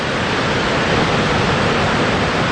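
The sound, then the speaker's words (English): A loud, steady roar of rushing water fills the whole clip, a dense unbroken wash of noise from Victoria Falls, high water dropping 100 meters over a rocky precipice nearly 2 kilometers wide, with a faint gusty hiss of wind and spray blowing toward the listener on a clear winter's day. “It's a winter's day, beautiful blue sky, and the spray from high water is blowing towards us. And through the spray, we can see the silhouette of the knife edge, and behind that is the mystery of Moziatunya, the Victoria Falls,”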